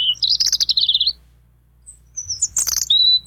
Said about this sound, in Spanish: Esta, sí, exacto. Es petirrojo.